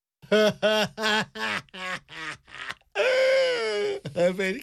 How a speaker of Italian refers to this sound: … piange e questa è sempre una cosa buona.